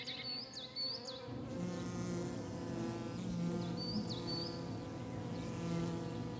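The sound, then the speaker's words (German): A bee colony hums inside a woodpecker hole in an old oak tree, a dense, steady drone that swells in after a second and holds throughout, with a few high bird chirps breaking in above it. “Und so hört man hin und wieder auch aus alten Eichen einsummen.”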